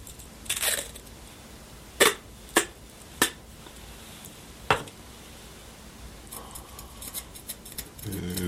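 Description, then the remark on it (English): Sharp scissor snips cut a small piece of tape, several distinct clicks spaced about a second apart, followed by softer rustling and crinkling with no talking. “Not a pretty cut.”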